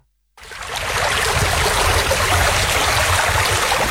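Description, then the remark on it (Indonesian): Steady rushing of a flowing river, dense and continuous after a brief silent start, with a low churning undertone and no voices. “Jangan bilang kompi buang sampah di sungai.”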